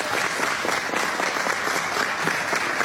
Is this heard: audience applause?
yes